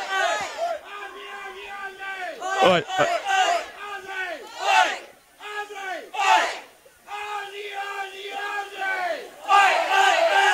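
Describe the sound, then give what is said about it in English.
A large crowd chants the Aussie chant in unison, a rhythmic call-and-response of loud, repeated shouted phrases rising and falling over about ten seconds, with cheering swelling between the lines. “The crowd really getting behind it here. Just hearing the Aussie chant.”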